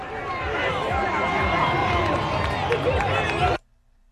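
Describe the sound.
A large crowd cheers and shouts in celebration, a dense, loud roar of many voices with whoops and yells layered together, holding steady for about three and a half seconds before cutting off abruptly.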